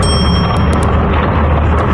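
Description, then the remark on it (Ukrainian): A loud, dense rumble of explosions fills the sky over the port of Kaspiysk, Dagestan, Russia, where missile ships are docked, with a few sharp cracks and bangs popping out over it in quick succession, no voices. “Передсвятковий салют у небі над російським Каспійськом.”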